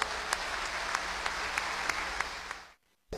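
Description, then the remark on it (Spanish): A crowd applauds steadily for the people of Macas and Morona Santiago province at the town's founding anniversary ceremony, a dense wash of many hands clapping with a few sharper claps standing out, then the applause cuts off abruptly near the end. “Por ello, pido un aplauso para el pueblo macabeo y para el pueblo de nuestra bella provincia de Morona, Santiago.”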